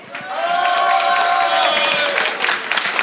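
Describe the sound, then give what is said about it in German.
A crowd applauds loudly and steadily at a Frühschoppen festival in Zell am Ziller. Dense clapping is mixed with cheers and high whoops that rise over it, holding at full volume for about three seconds. “Und ich würde sagen, mit einem riesengroßen Applaus schicken wir mal liebe Grüße aus Zell am Ziller in die große weite Welt.”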